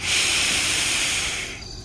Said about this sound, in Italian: Faccio un respiro a pieni polmoni.